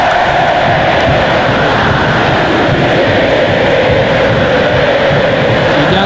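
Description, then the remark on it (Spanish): The crowd at River's Estadio Monumental in Argentina chanting and roaring together during an Argentina versus Burkina Faso football match, a dense, loud, continuous wall of voices that holds steady for the full six seconds without any break or lull. “Quedó lindísimo este Estadio Monumental de River. Así suena este estadio.”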